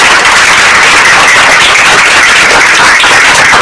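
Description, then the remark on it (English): A loud, steady round of applause from a crowd at a school quiz competition, dense overlapping claps forming a continuous wash of noise for several seconds, with no voices over it. “I say a round of applause for them.”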